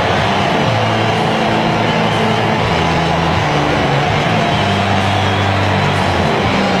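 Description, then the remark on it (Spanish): A huge stadium crowd gives a loud, continuous ovation as the Argentine team enters the pitch, thousands of voices merging into a steady roar with low sustained tones droning beneath it throughout. “Cuando el equipo argentino salta al terreno de juego, esta es la ovación.”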